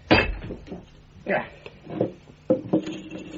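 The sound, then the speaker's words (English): Holmes strikes a plaster bust with a hammer in several loud, irregular blows, each a sharp crack followed by crumbling and clattering fragments, with short pauses between hits. “Holmes, what are you doing with that hammer?”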